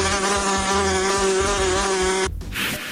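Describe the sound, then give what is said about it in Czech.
A wasp buzzes in a loud, steady, mid-pitched drone with a rich insect whine, holding for a little over two seconds before cutting off abruptly into a brief burst of hiss. “Před každým napitím se raději podívejme do plechovky anebo do sklenice, jestli tam není nezvaný okřídlený návštěvník s žihadlem.”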